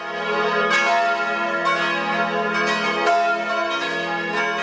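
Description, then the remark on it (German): Church bells in Switzerland ring continuously in a rich, overlapping peal, with fresh strikes every second or so over a sustained humming resonance; loud, no voices. It is 2 May, with sunny spring weather, a blue sky and temperatures around 25 degrees. “Kirchenglocken. Die werden wahrscheinlich auch recht häufig läuten heute an dem herrlichen 2. Mai.”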